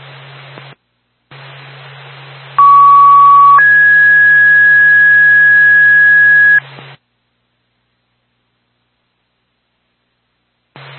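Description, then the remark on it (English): A two-tone EMS dispatch pager alert, the second tone for Twin State Grand Rocket EMS, sounds over a crackly radio channel. A short lower tone comes first, then a longer, higher steady tone lasting a few seconds, both loud above a hiss of static. “And Twin State Grand Rocket EMS, second tone.”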